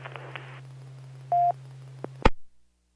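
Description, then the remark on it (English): A short electronic phone tone beeps once over a steady low hum, followed by a few faint clicks and a loud thump before everything cuts to silence. “Your phone's talking to you.”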